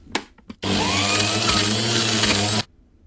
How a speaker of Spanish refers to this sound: Ahí te me suena, espérate, es algo de la cocina. Algo de una licuadora. ¿La licuadora? Juice maker.